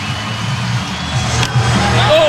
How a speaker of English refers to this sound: Here's the crowd again.